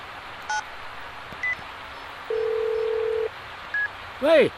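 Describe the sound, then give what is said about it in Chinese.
A few separate telephone keypad beeps sound as a man in a car stopped on Yanhe East Road phones his son, over a low background rumble, broken by a steady one-second dial tone, then a brief rising electronic chirp at the end. “三位老兄弟呀、啊，我打个电话啊。”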